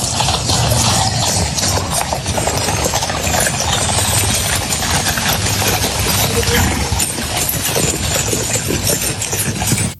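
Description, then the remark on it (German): Hooves of a horse-drawn carriage clip-clop in a steady rhythm over a loud, dense wash of background noise, with a low engine-like rumble running underneath, as Steinmeier rides in a carriage with the British King in Windsor during a state visit. “Und er durfte dann gestern nicht nur in die Downing Street Keir Starmer Hallo sagen, sondern auch mit dem König Kutsche fahren in Windsor.”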